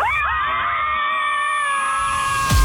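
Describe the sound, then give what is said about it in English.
A group of women scream together on a count of three, letting it all out: several high-pitched female voices in one long, loud, sustained shriek lasting a couple of seconds, ending abruptly with a short burst of noise. “We are all going to scream together.”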